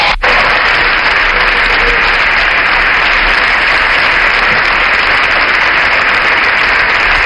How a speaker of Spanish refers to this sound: Se levanta la bancada popular para aplaudir esta intervención de Alberto Núñez Feijóo, que ha terminado asegurando que él se va a encargar de acabar con todo esto.